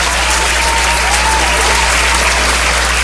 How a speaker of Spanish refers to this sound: Un aplauso fuerte para la cumpleañera.